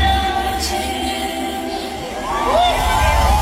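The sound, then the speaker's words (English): A large concert crowd sings together in a loud, sustained mass of voices, with overlapping pitched tones and a steady roar of audience noise underneath throughout. “She's making the crowd sing.”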